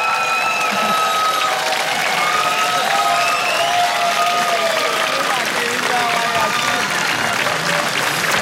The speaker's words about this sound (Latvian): otro vietu mums arī ar aplausiem un ovācijām jāgodina.